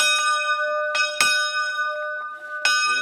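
A church bell in Panská Lhota, swung by pulling a rope, rings in repeated strikes, its clapper hitting one side then the other, each bright clang leaving a long humming overtone that carries under the next blow.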